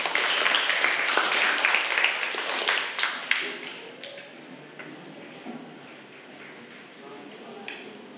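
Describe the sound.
A classroom of students claps together for a student representative who comes to the front of the class to summarize a video. The applause is a dense burst lasting about three seconds, then it thins to a few scattered claps and a faint murmur of voices.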